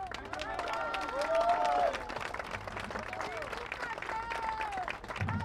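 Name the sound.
audience applause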